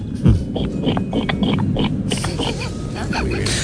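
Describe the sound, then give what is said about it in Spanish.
A person imitates a pig with a run of rough, snorting grunts for a few seconds, voiced fairly loud over faint background music. “Bueno, pues yo sé imitar a la gallina y al cerdo. Ah, muy pues bien. Empecemos por el cerdo, ¿por qué no?”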